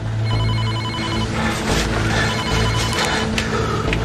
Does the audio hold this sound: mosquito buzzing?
no